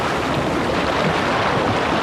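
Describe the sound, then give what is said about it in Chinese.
A loud, steady roar of ocean waves washing onto the shore, continuous, with a rough windy hiss mixed in and no voices. “这大海又说了”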